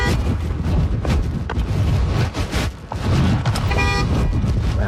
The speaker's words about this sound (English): A horn of a car blasting. So I was kind of waving. I think they'd seen maybe what happened or the tail end of it, and kind of pulled the car V over the side of the road and started blasting the horn to scare it.